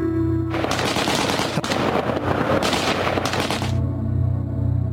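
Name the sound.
gunfire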